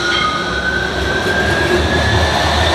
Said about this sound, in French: Le croisement de deux tramways.